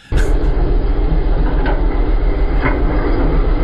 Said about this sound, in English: It's a lawnmower, Gene. It's not a four-wheeler. Gene, you're going to break it.